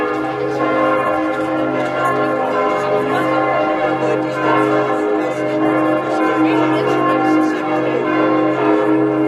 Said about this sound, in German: Seit fast 2 Jahren hängt das Glockenspiel der Hettstädter St. Jakobikirche wieder komplett im Dom und zählt mit seinem Klang zu den schönsten im Landkreis Mansfeld-Südharz.